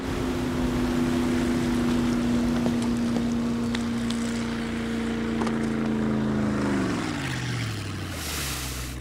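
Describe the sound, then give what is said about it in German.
A motorboat engine drones loudly and steadily over rushing water, its pitch sliding down near the end as the boat slows or passes. No one speaks. “Sag mal, was tust du eigentlich mit meinem Boot?”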